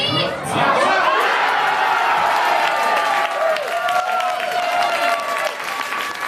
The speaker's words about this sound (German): Nur 6 Minuten hat es gedauert, bis die Deutschlandfans zum ersten Mal jubeln durften. Beim 1:0 durch Felix Metscher.